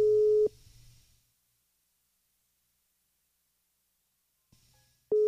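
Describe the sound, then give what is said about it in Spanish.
A steady electronic phone ringing tone sounds in two bursts, one at the start and one at the end, separated by a long silent gap with faint line hiss, as a call goes unanswered. “Conteste el teléfono, que yo no le voy a decir nada malo.”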